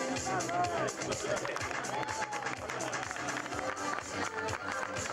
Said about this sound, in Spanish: Bueno, ahora sí. Vamos por la clase N2. Le damos un fuerte aplauso a los terceros.